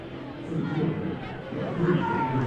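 A dense baseball crowd murmurs and chatters in a steady, rising hubbub, reacting to the first base umpire's check-swing call, voices blending into an agitated roar of disapproval with no single words standing out.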